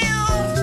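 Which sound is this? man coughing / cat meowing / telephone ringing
cat meowing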